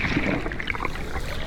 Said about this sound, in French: J'entends comme de légers bruits de vagues et un très léger murmure. Mais quel est cet être marin qui ne produit aucun son et semble ne pas bouger? J'y suis. C'est le corail rouge.